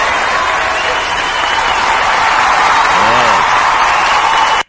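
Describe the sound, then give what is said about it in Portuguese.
Steady, dense applause for a birthday, loud and sustained for several seconds, with a brief voice rising through it near the end before the clapping cuts off abruptly. “Vamos aplaudir o Rômulo.”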